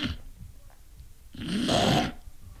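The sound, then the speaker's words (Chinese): A storyteller's voice imitates one loud, rasping snore of the character Cheng Yaojin falling asleep after drinking too much: a drawn-out rattling inhale that swells and fades, with quiet breathy noise before it. “程咬金说不睡啊，呼噜出来了。”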